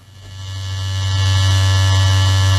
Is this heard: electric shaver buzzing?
yes